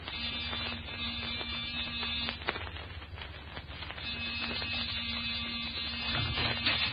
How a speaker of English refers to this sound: Give the buzzer a punch.